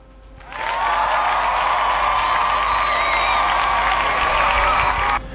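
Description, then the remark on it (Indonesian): A burst of dense applause starts abruptly, holding steady and loud for about five seconds with faint cheering mixed in, then cuts off sharply, given for a 62% poll result. “Wow, ada 62% yang kita kasih tepuk tangan ya.”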